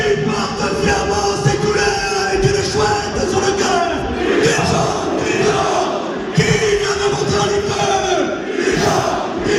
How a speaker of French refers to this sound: Des cris de bonheur, on l'entend, une soirée inoubliable qu'on vous a fait vivre en direct sur Ici Bourgogne. Le DFCO recevait donc Orléans, victoire 3-2 de Dijon. À la fin du match, explosion de joie des supporters, une foule a envahi le terrain.